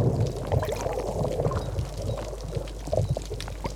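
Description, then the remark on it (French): Surf sloshes and gurgles continuously against rocks on the coast near Marseille, a steady wash with bubbling splashes and small surges, no voices present. “J'écoutais le bruit du ressac sur les rochers.”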